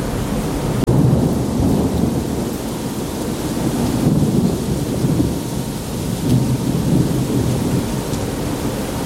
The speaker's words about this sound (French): On est en train de passer Singapour. 5h du matin. C'est le coup d'un orage en mer.